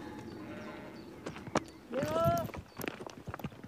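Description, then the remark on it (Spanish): Sheep hooves click and scrape over a narrow, rocky path in an irregular patter, the sheep now and then dislodging stones, with a brief high, wavering cry rising partway through. “Los animales pisan con bastante seguridad.”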